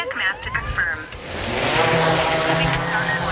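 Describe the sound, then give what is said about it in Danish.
An agricultural drone, used by farmers with artificial intelligence to locate weeds in their fields so they spray only there, in Birkelse, North Jutland, buzzes loudly and steadily with a dense, humming motor whine that rises after a brief moment of voice at the start and then holds constant. “Den her summende lyd kan være en god nyhed for vores drikkevand.”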